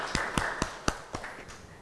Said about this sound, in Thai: ขอเสียงปรบมือให้คุณยายวิภาด้วยนะคะ